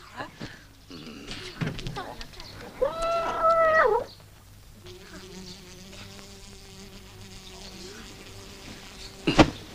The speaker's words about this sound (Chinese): 哎，干嘛呀？踢死一只苍蝇！